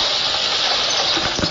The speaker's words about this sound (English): September 4th, 10 a.m., 44 degrees Fahrenheit, rain, drizzly rain. Can you hear it?